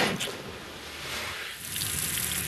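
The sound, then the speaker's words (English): A fire truck pumps water from a hydrant just outside Pfeiffer State Park, drawing in thousands of gallons of water for firefighters: a steady, forceful rush of flowing water over a low rumble that continues throughout, with no one talking. “Just outside Pfeiffer State Park, firefighters are fueling up trucks and hooking their hoses up to hydrants, sucking in thousands of gallons of water.”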